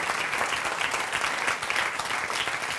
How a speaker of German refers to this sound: Wunderbar, der Applaus war zwar nicht so stark, dass das jetzt bei dir klappt hat.